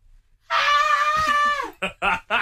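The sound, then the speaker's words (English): A person lets out a thin, strained attempt at a scream, a wavering high-pitched wail held for about a second, followed by three short, breathy vocal bursts. “That is the absolute best that I can do. I'm impressed with that. Normally not even that comes out.”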